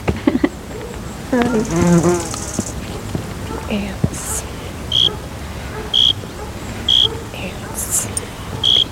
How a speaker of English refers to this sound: cathedral of bees.